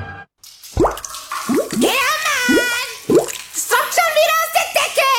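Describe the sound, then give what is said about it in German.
Water drips from a leak above in a steady series of loud, plopping drops, about five in quick succession, while a voice wails over them. “Wenn's oben tropft und unten schreit, ruf Sattler an und Rettung eilt.”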